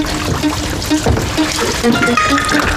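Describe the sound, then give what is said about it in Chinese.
Tap water runs steadily into an old vat, a continuous splashing, gurgling rush with a slightly rising, hollow tone as it fills. “不是买的，我刚问完价格，他问我能不能给他接缸水，自来水都行。”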